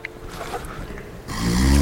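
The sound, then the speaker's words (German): A man snores: a quiet, rough breathing texture swells into a loud, low, rattling snore that builds toward the end, with no talking. “Man kann ja nicht aufhören zu schnarchen, der blöde Sack.”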